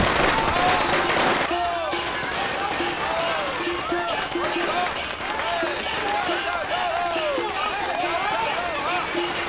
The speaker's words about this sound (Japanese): この家の爆竹はかなり大きいです。